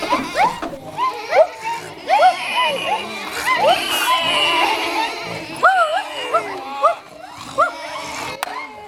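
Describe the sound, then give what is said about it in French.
A crowded chorus of village goats gathered together, bleating over one another, wavering cries rising and falling in quick succession, loud with no pause between calls. “Alors ça bêlait, pardi, bien sûr, ça faisait du bruit, c'était du bruit.”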